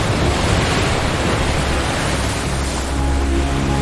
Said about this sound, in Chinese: 海风越来越大，对成年灰海豹来说，这算不上什么威胁。